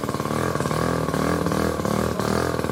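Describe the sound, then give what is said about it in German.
The small engine of a microcar idles at a traffic light with a steady, rattling putter, its buzzy low harmonics pulsing rapidly like a moped or lawnmower, loud and continuous with no talking. “Klingt wie ein Moped oder wie ein Rasenmäher. Sieht aber aus wie ein Auto.”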